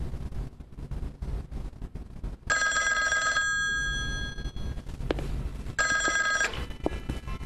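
A telephone bell rings in two bursts, a long ring then a shorter one after a pause, loud over a low rumbling background.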